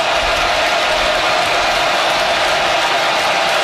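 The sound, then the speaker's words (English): A steady roar of a large American football stadium crowd cheering and urging on its team as a 33-yard field goal attempt is set up, a dense, continuous wash of many voices at a loud, even level without pauses. “Crowd urging them on.”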